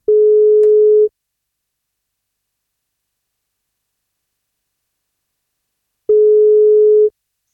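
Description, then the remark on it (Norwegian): An outgoing phone call's ringback tone as radio station 1FM calls a listener on his birthday: two steady, mid-pitched one-second beeps separated by about five seconds of silence, with no voices. “men for at han skal få kake, så må han svare på telefon, så da prøver vi å ringe til han.”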